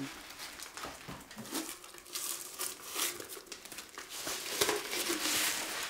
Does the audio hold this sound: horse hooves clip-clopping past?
no